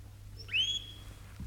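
A caged shrike sings a single thin, drawn-out whistled note, then a short bright chirp cuts in at the end, fairly quiet over a low steady hum.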